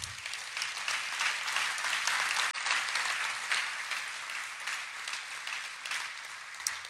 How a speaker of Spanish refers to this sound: Un aplauso para Dios.